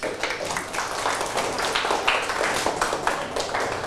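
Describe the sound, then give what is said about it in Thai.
A group of people applauding themselves after a group activity, a dense, steady patter of many overlapping claps sustained at an even level for a few seconds. “เอาปรบมือให้ตนเอง”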